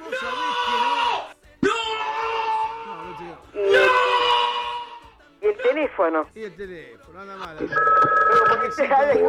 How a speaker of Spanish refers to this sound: Y el teléfono, por eso el teléfono.